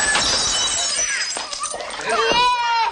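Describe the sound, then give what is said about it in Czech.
Plates shatter and clatter in a loud, continuous burst of sharp crashing and ringing shards, with a high voice rising over the noise near the end. “Jestli se tady něco rozbije, a obzvlášť talíře po babičce.”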